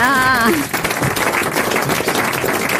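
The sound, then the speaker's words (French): A brief wavering voice at the start gives way to a dense wash of applause for a guest who could have commented on the 14 July celebrations, many hands clapping steadily and loudly until the end. “Il aurait pu le faire, on peut l'applaudir, il aurait pu le faire.”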